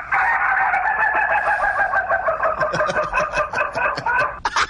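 A rooster crows loudly, a long strained call that breaks into choppy, pulsing notes toward the end before cutting off abruptly. No one speaks.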